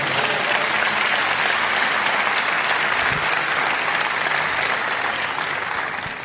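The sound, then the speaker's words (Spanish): A church audience applauds God steadily for about six seconds, a dense, loud wash of many hands clapping at once with no pauses, fading slightly at the very end. “¿Cuánto dan un aplauso a Dios?”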